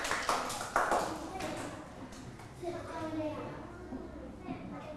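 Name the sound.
children clapping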